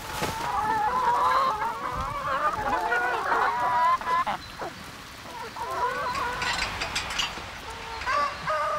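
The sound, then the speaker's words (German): A family farm's 450 chickens cluck and squawk in a dense, continuous chorus of overlapping calls, with a few sharper, higher cries standing out from the steady flock noise. “Sie kümmert sich um die 450 Hühner der Familie.”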